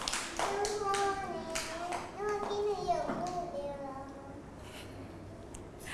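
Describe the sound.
A group of children clap their hands in scattered, uneven bursts, close by and moderately loud, while young voices chatter and call out over the applause.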